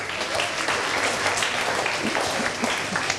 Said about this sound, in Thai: ปรบมือเพื่อนหน่อยเร็ว